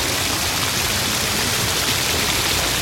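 Steady rain pours down in a continuous, dense hiss with no pauses, fairly loud throughout and with no voices.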